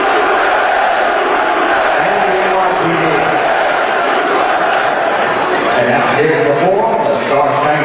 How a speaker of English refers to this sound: I heard in that clip, I heard people chanting USA.